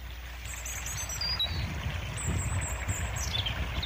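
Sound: river water flowing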